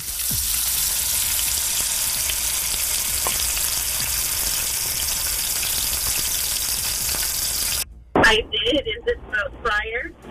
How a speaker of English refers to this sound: It is the fryer frying food.